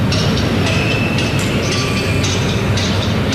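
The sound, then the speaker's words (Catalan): Hammer blows by hostages trying without success to break through a wall at Plaça Catalunya, recorded by journalists' microphones, strike in an uneven series of thuds, roughly two per second, half-buried under a constant loud rumble of noise; no one speaks. “la plaça Catalunya és tan gran que els micròfons dels periodistes poden enregistrar els cops de martell dels hostatges que intentaven, sense èxit, foradar la paret.”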